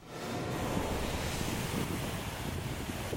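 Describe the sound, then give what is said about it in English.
Steady Mediterranean Sea surf at a beach in Tel Aviv, Israel, on a sunny day, rolls and washes continuously, with waves breaking and wind buffeting the microphone; no voices. “Israel's Mediterranean coast boasts stunning views and great beaches.”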